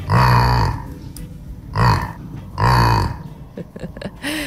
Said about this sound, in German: hat uns dieses niedliche Grunzen hier von ihrem Jack Lissy geschickt.